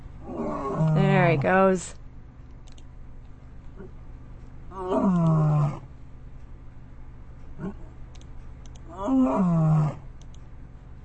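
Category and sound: animal, lion roaring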